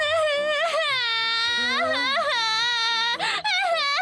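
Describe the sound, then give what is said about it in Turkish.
A child wails loudly and continuously, the high, wavering cry rising and falling with a brief catch of breath near the end, filling the whole stretch. “Ağlama canımın içi, başka kilim buluruz.”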